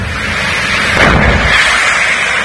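A dense, rumbling roar of explosions during a fire at an auto parts factory in Aspropyrgos, the site engulfed in flames, with a stronger burst about a second in, booming and crackling over a constant fire-like noise, loud, with no voices.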